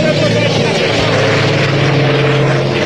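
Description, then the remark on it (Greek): A firefighting propeller plane drones loudly and steadily overhead during a wildfire near Peristeria on Salamina, Greece, its deep engine hum and throbbing harmonics continuous throughout, with indistinct voices faintly beneath the roar. “Τα ενέργεια μέσα τα οποία επιχειρούν, εξακολουθούν να επιχειρούν.”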